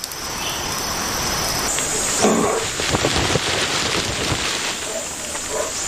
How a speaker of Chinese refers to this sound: 猪笼草巧妙地利用了大雨，随着雨势的减弱，其他生物也有所收获。